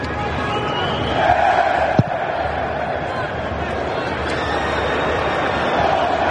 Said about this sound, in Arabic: بينما هنا الجماهير النرويجية اسمع لصوت المدرجات.